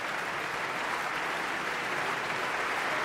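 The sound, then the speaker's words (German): Sustained applause from an enthusiastic concert audience in the Berliner Philharmonie, Berlin, for a singer after her performance, a dense, steady roar of many hands clapping with no pauses and no voices standing out. “Das Publikum ist begeistert hier in der Berliner Philharmonie.”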